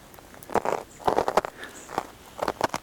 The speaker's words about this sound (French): Et j'aime ce son de neige tôlé, verglacé.